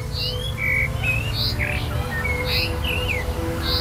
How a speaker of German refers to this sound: Das ist klar, dass je nachdem, wie der Vogel in welchem Rhythmus er singt, dann auch so das Bild erscheint. Das sind wie so aufblitzende kleine Bildchen.